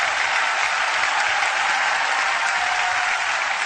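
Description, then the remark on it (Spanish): A crowd applauds steadily, a dense, even wash of many hands clapping at full strength for several seconds with no voices standing out. “Dele un fuerte aplauso.”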